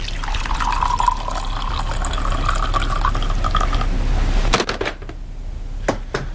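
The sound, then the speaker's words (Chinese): Tea pours steadily into a cup for about four seconds, the splashing tone rising as it fills, then stops, followed by a couple of soft clinks. “来，喝点茶吧。”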